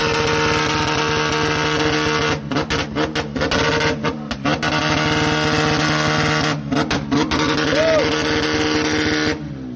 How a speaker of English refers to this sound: Let's hear what this sounds like. I hope my eardrums don't go. Here we go. I'm standing about 50 feet away from this vehicle. Romeo's going to fire it up. Here we go. The loudest car here at the 3D lot.